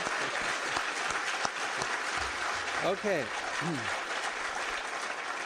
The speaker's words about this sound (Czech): Děkuji a já tleskám vám.